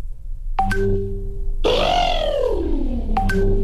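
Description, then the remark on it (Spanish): A person's voice imitates an elephant's trumpet: one loud, sustained, brassy call that rises and then falls in pitch, preceded by a couple of short tonal blips. “soy un elefante”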